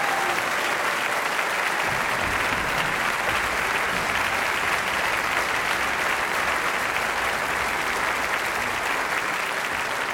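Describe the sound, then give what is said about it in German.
An audience claps steadily for about ten seconds for the Münchner Rundfunkorchester under the direction of Patrick Hahn, a dense, even wash of many hands with no pauses and no voices standing out. “Also das muss man auch einmal applaudieren.”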